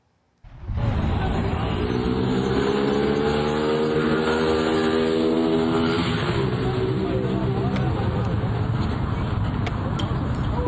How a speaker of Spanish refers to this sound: El hombre aceleró en una motocicleta y huyó del lugar, dejando atrás a la mujer que lo acompañaba.